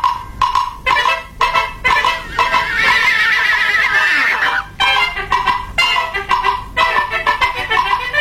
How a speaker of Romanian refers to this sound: Am găsit un cal. Un cal?